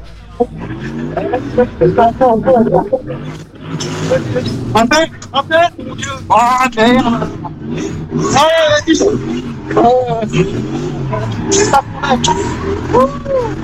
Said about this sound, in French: Et on entend plus la voiture que sa voix.